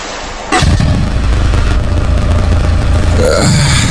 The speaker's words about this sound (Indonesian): Mama, sampai apa suara motor tadi itu? Suara motornya Arif, Pak.